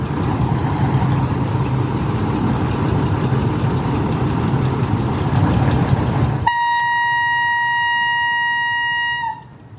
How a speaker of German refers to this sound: dann demonstrier uns doch mal die Pfeife, die funktioniert nämlich auch mit Druckluft